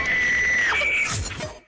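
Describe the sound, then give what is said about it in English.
A radio contest winner's shrill, high-pitched excited scream held for about a second, briefly breaking in pitch, then trailing into ragged, breathy bursts. Loud, with no talking. “Better use your whisper scream.”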